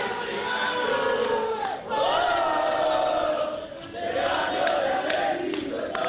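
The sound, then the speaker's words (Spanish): About 200 Belgrano football fans with flags and sky-blue and black balloons gather at the door of the team bus, cheering and chanting loudly and continuously, voices swelling in sung waves with brief dips before surging again. “Habrá unos 200 hinchas, está el micro en la puerta. Mucha euforia, globos, celestes y negros.”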